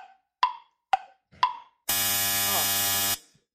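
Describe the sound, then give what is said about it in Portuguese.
A stopwatch timer in a simulated test: three short, sharp beeps tick by in an even rhythm, then a loud, harsh buzzer horn blares steadily for just over a second before cutting off abruptly, signalling participants to raise their answer cards. “Quando fizer essa buzina, você já tem que tacar a plaquinha.”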